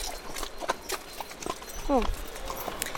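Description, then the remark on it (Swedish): Hooves of two Icelandic horses, Prins, white and 22 years old, and Kristel, brown and 17, clip-clop in a loose, uneven rhythm, a handful of sharp knocks over a soft outdoor background, with a brief voice-like sound in the middle. “De här, båda de här hästarna är ju dina”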